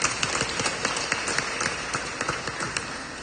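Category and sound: crowd, audience clapping hands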